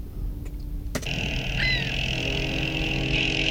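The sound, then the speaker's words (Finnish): Steady low road rumble of traffic on a country road with oncoming cars, the drone of cars holding fairly constant, with a couple of sharp clicks early on and a brief high chirp. “Tää on maantie. Autoja tulee vastaan.”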